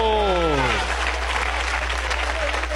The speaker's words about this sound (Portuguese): Palmas bem alegre para Jesus. Palmas para Jesus.